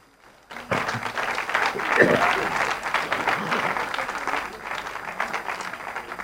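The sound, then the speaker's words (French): A crowd breaks into sustained applause for the report of 67,000 charismatic prayer groups in Brazil, many hands clapping at once in a dense, steady roar that swells quickly and then holds before easing slightly, with some voices mixed in. “67 000 groupes de prière, mais ça vaut un applaudissement.”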